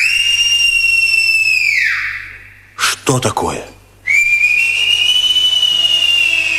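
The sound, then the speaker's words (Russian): Loud, sustained human whistling by robbers imitating birdsong: a long held tone that glides downward, a brief spoken question, then another whistle swooping up and holding steady. “Это совсем не птицы.”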